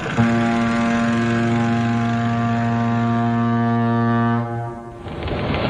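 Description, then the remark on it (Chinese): A passenger ship of a British trading company sounds its steam whistle on the Huangpu River bank, Shanghai, in April 1927: one long, loud, deep blast lasting several seconds, then cuts off, leaving a steady rushing rumble of engine and water noise. “1927年4月，黄浦江岸，一艘英商银河洋行的客轮拉响了汽笛。”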